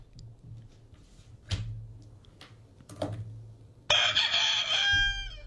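A rooster lets out one loud crow that rises and holds before trailing off, after a few scattered thumps and clicks over a low steady hum.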